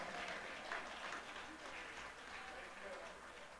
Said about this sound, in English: Oh, come on, somebody ought to clap their hands right there.